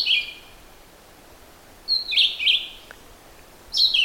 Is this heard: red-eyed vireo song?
yes